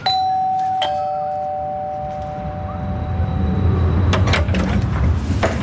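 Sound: doorbell ringing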